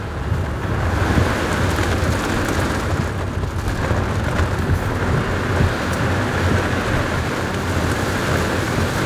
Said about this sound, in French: Là, on est vraiment au cœur de l'orage. Hein. Ouais. Là, il y a la pluie, le vent, les éclairs. Là, on voit plus rien. Hein. On voit vraiment... En plus, tu as des coups de foudre qui tombent devant.